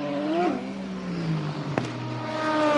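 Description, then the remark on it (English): A race car, a BMW, roars as it pulls away from its pit stop after refuelling during a six-hour race, its loud whining pitch climbing, dropping and then climbing again through gear changes, with a single sharp click partway through. “The fueler stares at the screen in front of him that will tell him when he can pull the fuel line from the car and send it off and away. Waiting. So much fuel, so much energy. Off and away they finally go.”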